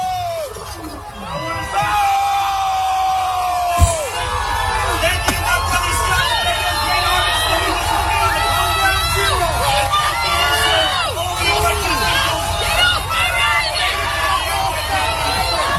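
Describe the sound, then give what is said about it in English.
A large crowd at an NYPD event boos and jeers Zohran Mamdani off stage, loudly and continuously, with many overlapping voices shouting and hollering throughout and a brief sharp knock early on. “The silver lining of this is that Zohran Mamdani has not fooled everybody, and he got booed off stage at an NYPD event.”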